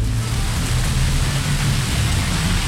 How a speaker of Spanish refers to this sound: Ese es el aguacero que está cayendo en Olímpica Estéreo por Pinares de San Martín. Aguacero duro.